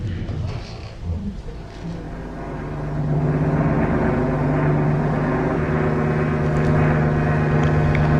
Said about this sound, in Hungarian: Repülőgép. Miami felé tart.